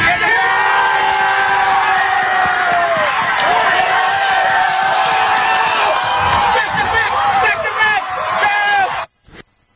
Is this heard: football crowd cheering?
yes